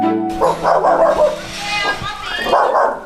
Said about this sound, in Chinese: 狗是人类最忠诚可靠的伙伴。